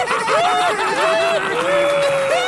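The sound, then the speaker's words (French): Wedding guests clap and cheer steadily, with a dense wash of applause, some laughter, and a few rising whistle-like tones over the noise. “Allez, par applaudissement, la nourriture en calèche, c'est de la merde ou j'ai raison?”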